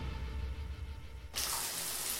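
A low, quiet rumble gives way abruptly to the steady, broad hiss of shower water spraying, fairly loud, running continuously to the end without any voices.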